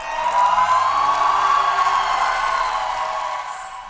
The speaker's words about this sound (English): Crowds cheer for Hungary's new prime minister, Peter Magyar. He was sworn in this morning after unseating the country's leader for more than 15 years, Viktor Orban, in last month's election.